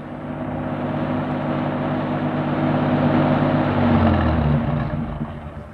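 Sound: car driving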